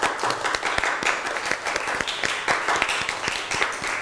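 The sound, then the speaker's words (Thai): A classroom group claps steadily for several seconds for a student who answered a question about their artwork, a dense patter of many hands with sharp individual claps standing out, lively, with no talking over it. “ดีมากขอเสียงปรบมือให้เพื่อนหน่อยครับ”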